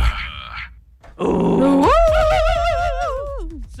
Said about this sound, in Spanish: ¡Se soltó a su perro! ¡Amárrelo! ¡Amárrelo porque ya anda mordiendo gente!